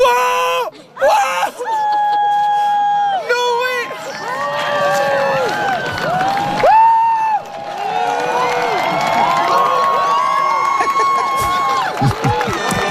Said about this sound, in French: Oui, on s'en souvient de ses cris de joie, de ses applaudissements. Ça, c'était chez nous, le 8 avril 2024, dans le sud du Québec, des citoyens qui étaient rassemblés au Mont Mégantic pour l'éclipse.